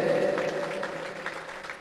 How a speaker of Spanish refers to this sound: Levanten la mano los hermanos de la comunidad Virgen del Rosario. ¿Dónde están? Aquí están. Fuerte los aplausos para ustedes.